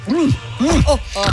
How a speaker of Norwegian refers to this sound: Grynter. Fy fader! Den har kulsyre. Ja, den har kulsyre, fordi den er fermentert.